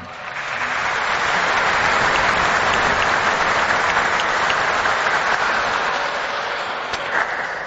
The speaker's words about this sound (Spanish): Para todos ellos, muchísimas gracias y un fuerte aplauso.